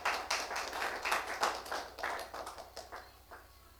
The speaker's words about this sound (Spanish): Fuerte el aplauso.